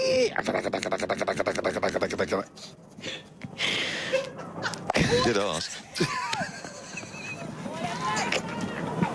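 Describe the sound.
A voice mimics a fax machine: a fast, rhythmic buzzing stutter, then high warbling squeals, shrill beeps and wavering screeches, loud and mostly alone, with a brief spoken remark among them.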